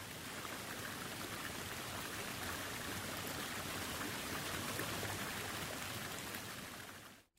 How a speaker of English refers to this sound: You're listening to the sounds of Bean Creek on 99.1 WQRT LP Indianapolis.